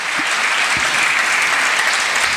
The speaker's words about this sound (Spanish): Fuerte ese aplauso al Señor, mi hermano.